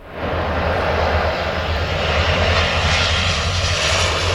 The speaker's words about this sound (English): A water bomber loads up over the Seine River near the French capital.